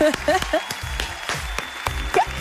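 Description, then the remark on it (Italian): Short burst of applause: sharp, irregular claps ring out over a busy background, with high cheering or whooping voices rising in between, over a little more than two seconds. “Allora, un applauso.”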